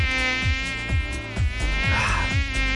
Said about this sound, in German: Mücken. Die kleinen Arschlöcher. Und das ging nicht nur mir so oder vielleicht auch euch so, dass ihr die super wenig gehört habt, sondern es ist ganz offiziell, dieser Sommer war für Mücken Arsch, hat das Leibniz-Zentrum gesagt.